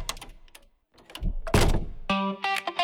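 A heavy Eurosegur armored door swings shut with a solid thunk and a brief metallic clatter, after which a bright, sustained electronic tone rings out. No one speaks.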